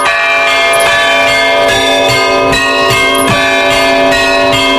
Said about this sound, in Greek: Οι καμπάνες, ρυθμισμένες τονικά, παίζουν τη δική τους μουσική. Σαν ένα εκκλησιαστικό όργανο της ερημιάς.